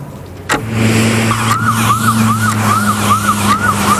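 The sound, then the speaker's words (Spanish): An ambulance siren wails in quick, repeating yelps, about two per second, over a steady low engine drone, heard from inside the moving ambulance after a brief thump, as it carries a medical team with a liver for transplant in a special cooler toward the airport. “Ahora mismo estamos en una ambulancia.”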